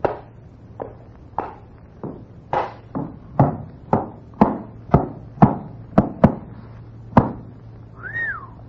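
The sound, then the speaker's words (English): A horse is led in through a door, its hooves clopping across a hard floor, about a dozen sharp hoofbeats at a slightly uneven walking pace, followed by a short, high, wavering call at the end. “I have got a horse out here. Bring him in.”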